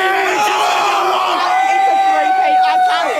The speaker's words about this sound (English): Lions fans have been roaring through the night in Melbourne after the Brisbane side defeated the Dockers at the MCG with four goals in the final 4 minutes.